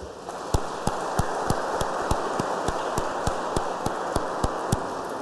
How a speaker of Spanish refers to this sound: Damos un aplauso a la quinceañera.